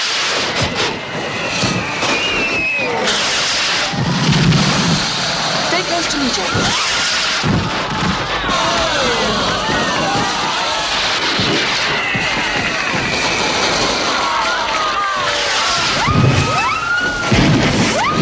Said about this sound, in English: They look up to fireworks.